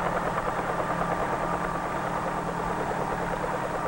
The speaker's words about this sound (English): When the blades move fast enough, they provide the lift necessary to raise the helicopter off the ground and permit it to hover.